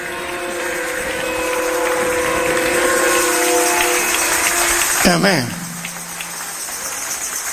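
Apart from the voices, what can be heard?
audience applauding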